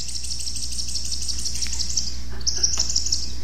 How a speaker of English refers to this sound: Look at this one. This one you just swing back and forth and it makes bird noises.